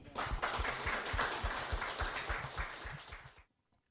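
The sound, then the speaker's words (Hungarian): A crowd applauds loudly and steadily, thanking a guest for his talk, many hands clapping in a dense wash of sound for about three seconds before it cuts off abruptly into near silence. “de egy nagyon nagy tapssal köszönjük meg.”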